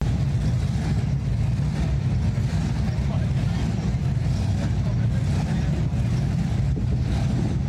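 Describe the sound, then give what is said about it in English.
Classic hot rod engines rumble loudly and continuously at the Show and Shine in Kearney, Nebraska, as the cars parade on the bricks along 2nd Avenue, a deep throaty roar holding steady for several seconds with slight surges. “The sounds of engines revving throughout Kearney as the Show and Shine took over the bricks.”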